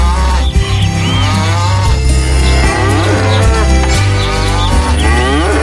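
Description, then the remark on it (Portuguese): A cow moos several times in long, drawn-out lowing calls, loud, over a steady low rumbling background with no talking. “E a vaca mugiu.”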